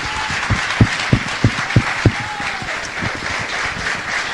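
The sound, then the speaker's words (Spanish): A church audience breaks into sustained applause for the Lord, a dense wash of many hands clapping at steady volume, with a few louder rhythmic claps standing out early on and faint voices mixed in. “¿Qué les parece si damos un aplauso al Señor por su iglesia?”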